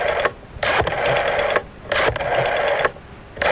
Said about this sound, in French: On recompose le numéro de téléphone.